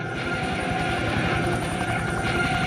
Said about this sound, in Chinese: 低空飞过来的是来自陆军航空兵的武装直升机梯队，分别由25架不同型号的直升机编成。